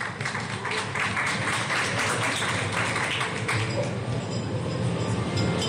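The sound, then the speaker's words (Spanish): A crowd applauds steadily for several seconds to welcome a medal-winning relay athlete, a dense, even crackle of many hands clapping at once with no pause, and no voices stand out. “Un fuerte aplauso para Luciana Roca.”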